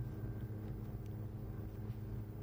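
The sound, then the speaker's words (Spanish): Turismo Carretera (TC) race car engines drone in a steady, low rumble as the cars pull away for the warm-up lap before the TC final at La Barrosa in Balcarce, where 38 cars started, with no voices. “Los autos salen para la vuelta previa.”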